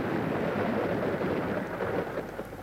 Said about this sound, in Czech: Podívejme, bouřka. A prší. Tak čti, Máničko, to se hezky poslouchá, když venku prší.